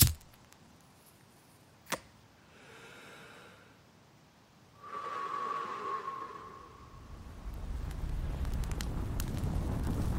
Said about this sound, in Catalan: Foc és foc.